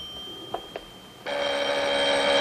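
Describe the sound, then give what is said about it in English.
A couple of soft taps, then a telephone bell starts ringing loudly and continuously in the lounge of Sir Charles's suite as he steps into his hallway, a bright metallic trill that fills the rest of the moment. No one speaks. “He steps into his little hallway as the phone rings in the lounge.”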